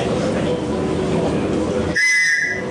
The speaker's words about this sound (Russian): Плоский. Старый, вот те, кто помнит, в баскетболе такие свистки были. Когда вы не можете орать, когда вы не можете говорить, когда вы замерзаете. То есть вы можете вот так сделать.